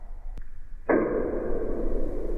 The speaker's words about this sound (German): Er wird nur 3 bis 6 Zentimeter groß, ist aber das lauteste Tier der Welt. Der Knallkrebs erzeugt einen Knall mit einer Lautstärke von bis zu 200 Dezibel unter Wasser. Das ist sogar lauter als ein Flugzeug.